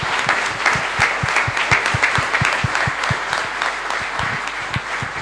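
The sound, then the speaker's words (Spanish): A church audience applauds at a baptism to welcome the child into the Christian community, many hands clapping in a dense, even patter with no one speaking over it, holding at the same loudness for the whole stretch. “Y como signo de esta bienvenida son no solamente el aplauso, sino también la señal de la cruz que todos hemos recibido el día de nuestro bautismo y que hoy”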